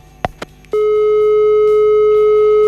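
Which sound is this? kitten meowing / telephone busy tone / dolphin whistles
telephone busy tone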